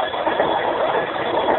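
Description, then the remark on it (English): A steady mechanical clattering and rattling as a chain hanging by an outer wall is hauled to lift an outer door, with a continuous grinding, ratcheting texture at an even loudness and no voices. “I see that chain hanging by the outer wall. Si, senor. Go over there and haul away. It lifts the outer door.”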